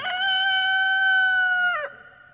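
A rooster crows once, loud, a long strained cry that holds steady for nearly two seconds before breaking off abruptly. No voices are heard.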